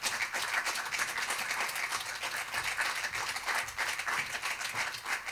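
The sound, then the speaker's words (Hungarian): An audience applauds a guest singer as she is introduced, a dense wash of many hands clapping at an even, sustained volume with no voices over it. “nagy tapsot kérnék neki!”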